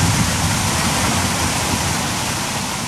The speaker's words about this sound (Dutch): Daar gaat het water. De bak in.